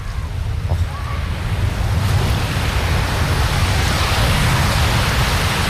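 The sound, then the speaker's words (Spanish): Ocean waves break on a beach in a steady, continuous wash of surf, loud, with a low rumbling roar and hissing spray that swells slightly toward the end. “Yo os voy a dejar con ese sonido maravilloso para que disfrutéis.”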